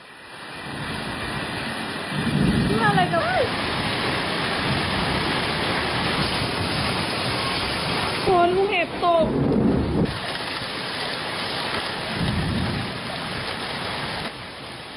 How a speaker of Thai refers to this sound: นอกจากลูกเห็บตกแล้วจะบอกว่าลมแรงมากบางจุดบ้านของน้ำตาลพิจักขณาเนี่ย น้องนักแสดงช่อง3ของเราเนี่ยค่ะ ก็เจ๋งคลิปนาทีลูกเห็บตกและลมกับฝนตกหนัก